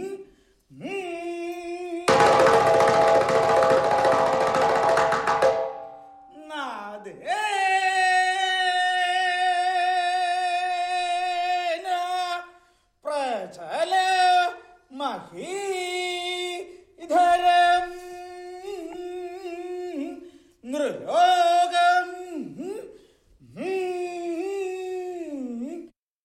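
Temple musicians play long, wailing tones that swell, bend and slide in pitch, with a burst of bright, noisy crashing early on, followed by phrases separated by short pauses.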